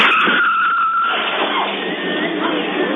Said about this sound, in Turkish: Kaza Bursa'nın Yıldırım ilçesinde yaşandı. Ara sokaktan caddeye yanlayarak çıkan otomobil karşıya geçmeye çalışan yayaya çarptı.